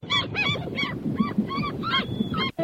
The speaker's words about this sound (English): Alrighty, it's time to reveal the answer. And that was a seagull.